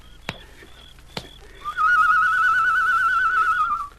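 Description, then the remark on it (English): A person whistles a long, warbling, high-pitched note imitating a bird call, held steadily for about two seconds and fairly loud, after two sharp clicks. “Did you make that noise? Yes. Sounded like a bird.”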